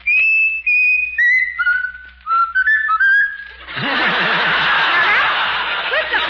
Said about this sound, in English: Now, Raffles, you're going to whistle. You're going to whistle ….